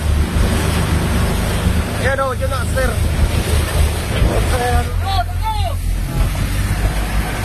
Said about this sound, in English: What you can hear there are the voices of the Coast Guard rescuers on their boats as they approach the burning ferry, which is engulfed in flames in the darkness, 100 yards ahead of them.